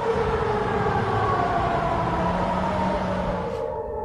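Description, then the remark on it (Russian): An air raid warning siren in Perm, Russia, sounds during a Ukrainian drone attack, wailing steadily and loudly over a dense rumble of background noise, its sustained tones holding throughout before cutting off near the end. “Жители Перми снимают дым от пожаров и жалуются на сирену воздушной тревоги.”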